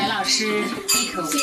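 Glasses clink together in a toast at a home dinner of Chinese and Western dishes, a couple of bright chiming taps with a lingering ring, while voices murmur around the table.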